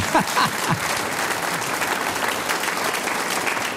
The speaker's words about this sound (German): Schau, die Dame klatscht. Extra für dich, glaube ich, gell? Stimmt. Sie dürfen alle klatschen.